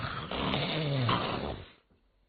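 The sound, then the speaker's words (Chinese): A storyteller's male voice imitates the character Cheng Yaojin's loud, rasping snoring as he sleeps, one long, drawn-out breath lasting over a second and a half, forceful, then cutting off into near silence. “往里一迈步，嘿嘿，这位程大爷这呼噜打个震天，睡得真香啊！”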